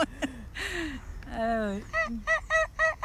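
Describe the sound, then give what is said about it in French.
Wild geese honk repeatedly, a series of loud, nasal calls in quick succession, the last few evenly spaced, with another voice briefly heard in the mix. “Le canard sauvage, des oies sauvages.”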